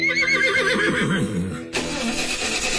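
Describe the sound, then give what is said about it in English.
A horse whinnies loudly, a shrill, quavering call that wobbles downward, then cuts off abruptly into a steady, noisy engine rumble. “Back in the day, if your horse wouldn't leave the barn, your whole day stopped right there.”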